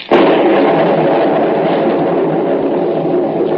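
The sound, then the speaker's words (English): A sudden sharp crack of thunder bursts out, then gives way to a loud, continuous rolling rumble that holds steady for several seconds with no voices. “I don't like lightning.”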